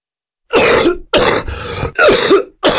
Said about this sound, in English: Maybe you've experienced a COPD flare-up in the past, where your symptoms suddenly got worse, you were coughing a lot, and you found it hard to breathe.